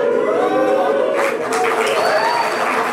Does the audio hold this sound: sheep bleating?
no